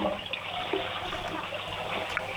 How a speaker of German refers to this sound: Das war die Klospülung von der Chiara.